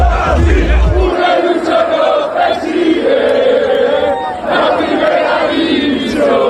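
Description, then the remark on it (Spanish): A large crowd in Santander, Spain, celebrating Real Racing Club de Santander's promotion to the first division, cheers and chants continuously, voices blending into a loud, sustained roar with rising shouts, and a deep low rumble at the start. “La ciudad celebra el ascenso a primera de su equipo, el Real Racing Club de Santander.”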